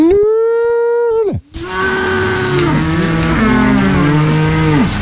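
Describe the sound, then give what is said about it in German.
A farmer's long, steady, low mooing call imitating a cow calling its calf, used to call the cows to him on an alpine pasture, ending in a downward slide. After a short pause, several loud, drawn-out moos overlap and continue to the end. “wenn sich eine Kuh und ein Kalb zusammenrufen, klingt das ähnlich. Und wenn ich das rufe, dann gehen sie halt”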